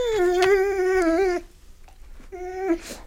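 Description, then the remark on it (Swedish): A dog named Luffe howls loudly, one long sustained wail that drops off, a short pause, then a second briefer howl. Nobody speaks. “Gordon visste inte att hundar kunde yla så högt.”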